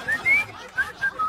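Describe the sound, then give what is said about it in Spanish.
A minibus attendant whistles a short, bright melody, the Spider-Man theme tune, in a few quick rising and held notes with brief gaps, over faint background noise. “Oye, está silbando el Spider-Man.”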